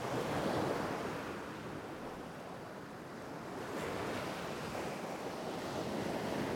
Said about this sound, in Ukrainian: У вісні Олесь сидів на березі моря і дивився на нього. А море дивилося на Олеся і шурхотіло усіма своїми хвилями.